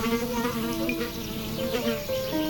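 A horsefly buzzes steadily, its droning hum wavering slightly in pitch as it hovers, continuous for a couple of seconds with no talking.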